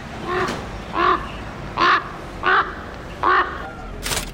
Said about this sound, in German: Da kommt ein Rabe.